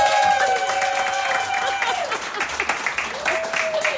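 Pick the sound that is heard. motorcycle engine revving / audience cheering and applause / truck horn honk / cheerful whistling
audience cheering and applause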